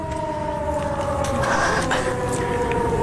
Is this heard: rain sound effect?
no